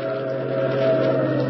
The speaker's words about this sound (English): Oh, he's just slowing down for that train. But he only slowed down for a second. Look at him go. I know what he's doing. He's trying to beat that train to the crossing. He's trying to lose us.